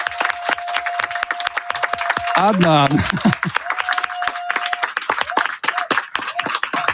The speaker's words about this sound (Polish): Wielkie brawa.